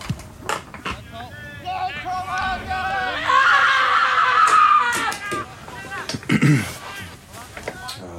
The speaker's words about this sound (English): The scream. Give in to the more chaotic nature. Here we go. Nice. The scream.